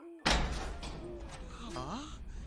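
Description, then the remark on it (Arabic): A heavy castle door gives a loud thud, then swings open by itself with long, low groaning creaks that slide up and down in pitch before fading. “باب القلعة يتحرك وينفتح بروحه.”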